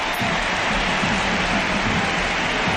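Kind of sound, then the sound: crowd, stadium crowd ovation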